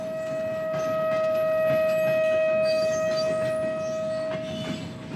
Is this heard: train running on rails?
yes